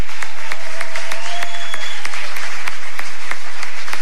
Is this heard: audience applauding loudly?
yes